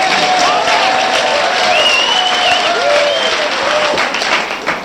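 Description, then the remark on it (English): An audience at Mavericks Flats, at a remote KPFK radio show recording, claps fast and hard, right side against left side, forming a dense, steady roar of applause that sounds like a much bigger crowd. It holds at full loudness throughout, with a few voices calling out above it. “if you clap like this, very fast, it sounds like a lot more people here”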